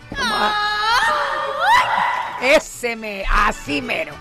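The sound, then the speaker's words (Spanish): A loud voice lets out a traditional Mexican grito: a high, warbling yell that swoops up and down in pitch, breaking into several short trilling bursts toward the end. “Y ahí es donde uno tiene que hacer el grito. Pero que a mí no me sale. No, un grito como de mexicano.”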